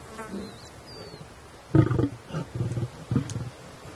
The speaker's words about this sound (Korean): 이번엔 우두머리 수컷이 조금 전 먹이를 먹이던 어린 사자들에게 으르렁거리죠. 이제 먹이에 가까이 다가오지도 못하게 합니다.